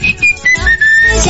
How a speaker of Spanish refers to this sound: Vas limpiando y escuchando un poco de música y cantando a la vez. Así no sepa la letra, por eso hay que chiflar, viste.